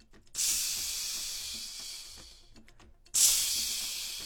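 Food sizzles loudly in a hot pan, a steady hiss that fades slightly, cuts out briefly, then surges back strongly. No one speaks.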